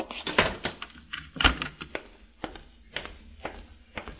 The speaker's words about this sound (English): Quickly, lock the door and come back here.